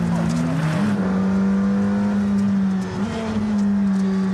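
The engine of a McLaren supercar named after Ayrton roars loudly and steadily inside the cabin, a strong low drone holding one pitch, with a brief dip and rise in revs partway through.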